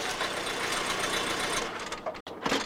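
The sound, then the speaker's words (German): A car pulls up, its engine running with a steady, fairly loud rumble and a fast mechanical chatter, briefly cutting out near the end before continuing, as a lord drives up in his car. “Wenig später fuhr der Lord mit seinem Auto vor.”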